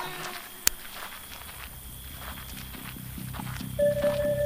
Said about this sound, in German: Meisterin, Pferde! Das sind Tareks Leute!